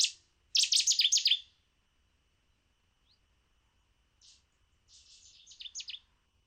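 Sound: reed warbler song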